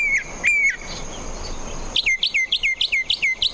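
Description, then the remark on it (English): A northern mockingbird, a bird that mimics, sings: two clear whistled notes, then a quick run of eight bright, repeated chirping phrases in a steady rhythm, with no talking. “That's part of the repertoire of the northern mockingbird, one of several birds that mimic.”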